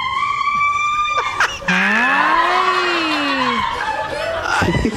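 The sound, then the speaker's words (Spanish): A woman screams loudly, first a high, sustained cry, then a long lower wail that rises and falls, intense, with no words spoken. “Llamen al SWAT team que la están matando.”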